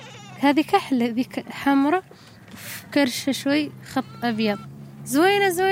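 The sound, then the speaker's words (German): Three goats and two sheep in a Sahrawi camp bleat repeatedly, overlapping calls with quavering harmonic cries, fairly loud, over a steady low hum in the background. “Mahjuba besitzt kein Kamel, aber drei Ziegen und zwei Schafe.”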